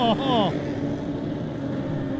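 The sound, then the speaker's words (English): David Brook's Brook Suspension BMW racing motorcycle screams up through its gears as it sets off, in quick rising sweeps for about half a second, then its whine drops away into a steady broad rumble of background noise. “Next rider to go, David Brook on the Brook Suspension BMW.”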